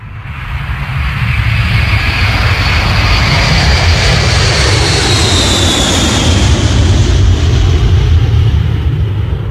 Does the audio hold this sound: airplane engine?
yes